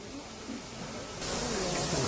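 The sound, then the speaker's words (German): An East German Reichsbahn class 35 steam locomotive hisses steam in a steady rush of noise that suddenly swells louder about halfway through and keeps going, as it backs up to the water crane to refill its supplies. “Aber unter den Reichsbahnen, die wir alle sind, ist natürlich die Ostvariante die wesentlich schönere Dampflok.”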